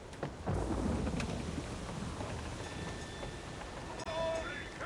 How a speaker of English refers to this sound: Is this storm going to break us? Oh, not at all, sir. We've been making good time. She's a fine vessel, sir. Just a storm is all. She'll pass right through it eventually. Rough waves, though.